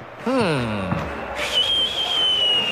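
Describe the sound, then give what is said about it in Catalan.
Shrill whistling rises from a stadium crowd at a football match involving Morocco's team: a long, steady high-pitched whistle held over a dense, noisy background roar, after a brief falling tone near the start. “Hi ha xiulets, eh? Hi ha xiulets.”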